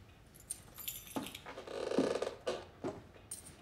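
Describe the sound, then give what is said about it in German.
Metal keys jingle and scrape, with several sharp clicks and rattles as a key is tried in a door lock to check whether it fits, fumbling in short uneven bursts with no voices. “Ich wollte eigentlich nur überprüfen, ob der hier passt. Ist das Ihr Schlüssel”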